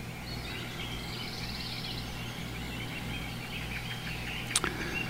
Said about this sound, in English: All right, we're back in the forest by the glen, by the glade, with the birds and the frogs.